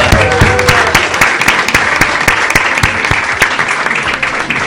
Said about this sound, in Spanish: ¿Cómo la están pasando? Un aplauso por la vida.